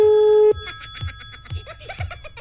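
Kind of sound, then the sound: signal or alarm, telephone ringing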